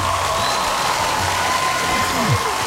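A crowd claps steadily in a dense, continuous wash of applause, with a murmur of voices and faint cheering mixed in underneath.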